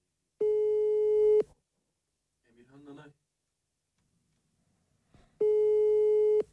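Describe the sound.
A phone call's ringing tone sounds twice as a friend is called again, back to back, each a steady, mid-pitched buzz lasting about a second, separated by a long pause. A brief burst of speech comes between the two rings.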